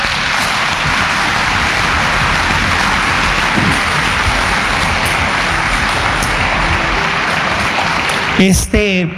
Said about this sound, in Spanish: Pues yo confío en el Señor que Marlon un día nos acompañe, y como él nos está viendo, yo les invito a que le demos un aplauso a Marlon.